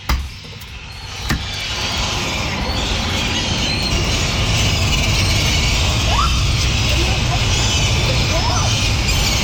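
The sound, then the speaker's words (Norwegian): Seagulls cry and squawk now and then, fighting outside a bedroom window at night, over a steady roar of outdoor noise, like wind and passing traffic, with one sharp knock near the start. “Det er helt måkekrig utenfor vinduet der.”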